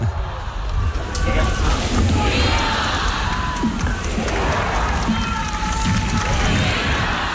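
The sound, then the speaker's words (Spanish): A large crowd cheers and shouts vivas for Pope Leo XIV at the close of the final Mass at the port of Santa Cruz, in a steady, loud roar that lasts the whole clip, with many voices blending together and occasional higher rising calls above the din. “Pues vivas al Papa León XIV, cerrando esta última misa, recibiendo esos vivas.”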